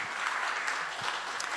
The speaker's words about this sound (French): Bien. On va encore applaudir le président de la Fédération. Merci.